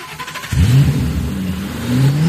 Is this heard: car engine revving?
yes